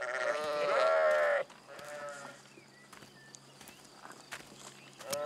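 A flock of sheep on the move as people walk through it: one loud bleat opens, followed by fainter bleats over a steady shuffle of hooves and footsteps through the herd.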